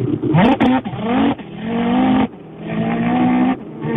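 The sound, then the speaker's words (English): A man imitates a car engine revving with his voice, with rising buzzy pitch sweeps and sustained droning tones broken by a few short pauses, loud throughout. “this guy's got a good rev noise. So, without further ado, let it rip.”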